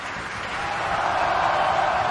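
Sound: opera audience applause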